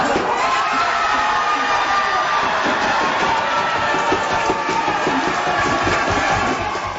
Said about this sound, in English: Spain is heading to the World Cup final. Toro, Olmo, Pedro Toro! Spain beating France 2-0 in this afternoon's semifinal match. The victory sending the crowd into a frenzy over at Spain's official headquarters at Lower Town in the Byward Market.